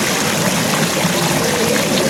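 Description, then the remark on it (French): Water pours steadily down an artificial four-tier cascade in an exhibition display made of wood with maple leaves and fir trees, a continuous bright rushing and splashing with no pauses and no voices. “Et il y a une espèce de cascade reconstituée de 4 étages qui tombe. Là, je vous fais écouter un peu l'eau.”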